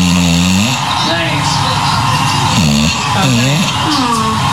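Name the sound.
english bulldog snoring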